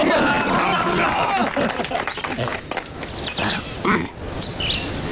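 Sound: audience applauding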